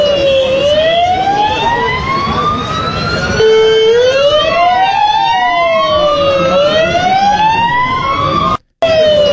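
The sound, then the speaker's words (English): Loud wailing police sirens rise and fall continuously, several overlapping with harmonic sweeps, over a dense roar of street noise and traffic, ending with a brief abrupt cut. “You see smoke in the air, police cars going everywhere, absolute chaos.”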